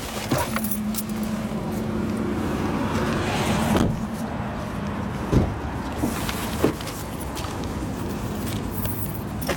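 Inside a car, a steady engine hum and a brief motorized whir give way to several solid door clunks, keys jingling and rustling movement as people climb out.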